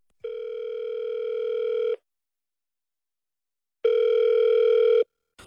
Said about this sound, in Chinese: 所以说那个导播，麻烦呢，帮我把王总的电话给我接通